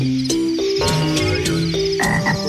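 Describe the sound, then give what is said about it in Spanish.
A frog, Don Rana, croaks in a steady series of loud ribbits, roughly every third of a second, with a sustained tonal backdrop underneath and no one talking. “¡Adiós, Don Rana!”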